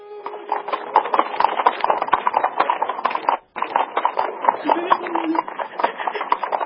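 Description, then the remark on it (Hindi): A horse-drawn carriage (buggy) speeds past quickly along a street, its hooves clopping in a rapid, dense clatter with wooden creaks. The sound stays loud, with a brief break midway, and faint voices mixed in. “बग्घी तेजी से निकल गई।”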